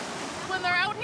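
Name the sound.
ocean surf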